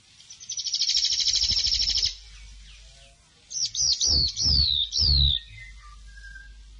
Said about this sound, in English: Pōpokotea, the Whitehead, RNZ National